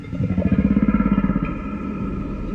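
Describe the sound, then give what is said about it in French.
A low, rumbling whale call pulses in a quick throbbing rhythm for about a second, then settles into a steadier, droning growl with no voices over it. “C'est une baleine qui propose d'aller pêcher avec elle.”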